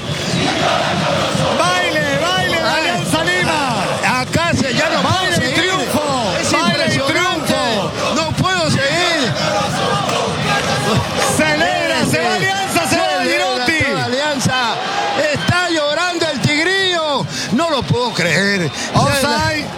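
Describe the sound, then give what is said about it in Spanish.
A dense stadium crowd at a football match of Alianza Lima against la U shouts and chants continuously, many voices overlapping in loud, rising and falling cries that never let up for the whole stretch. “Atención, síganlo a eso, acá están, se acercan los gritadores, saltan, ahí está.”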